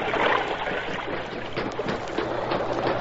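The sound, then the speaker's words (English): Continuous churning water of an underground river in a cave, splashing and rushing steadily, with broad hissing texture and no voices over it. “He's in the underground river.”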